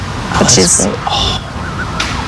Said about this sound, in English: Zoo staff tell me these foxes can sometimes cry out during specific situations like danger